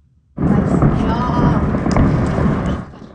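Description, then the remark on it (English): A dense, continuous crackle of popping fireworks with sharper bursts scattered throughout, over a steady rumbling roar that cuts off after about two and a half seconds, from eyewitness video of an explosion at a fireworks plant in Hunan province, central China. “Eyewitness video caught the sound of popping fireworks and smoke rising from the site yesterday.”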